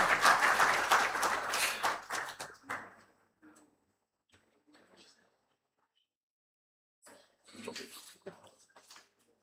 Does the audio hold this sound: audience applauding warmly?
yes